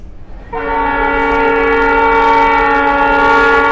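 A train horn sounds a loud, steady chord of several layered tones, starting after a brief rumble and holding unbroken to the end, with a low rail rumble beneath it.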